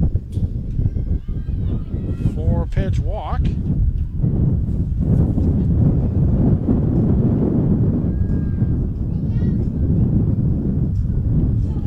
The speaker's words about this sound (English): Just trying to hold on to everything when you feel the big gust coming in, and there's some dirt right in the face.